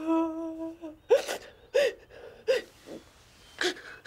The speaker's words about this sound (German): Nicht weinen, Kleines.